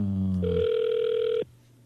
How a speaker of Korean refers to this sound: 일반 전화로 지금 전화 갑니다. 받으시면 됩니다. 전화 안 받으시네요. 안 받으시네요.